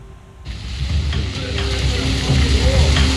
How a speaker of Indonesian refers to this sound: Inilah detik-detik saat badai petir hebat menerjang kawasan Toronto, Kanada. Rekaman amatir yang diverifikasi Reuters menunjukkan terjangan hujan es lebat serta angin kencang menghantam kendaraan di jalan.